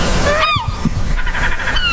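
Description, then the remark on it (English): Two or three harsh, gliding seagull cries ring out over a steady rush of outdoor background noise, one near the start and another trailing off at the end. “Okay, so that is what a seagull sounds like.”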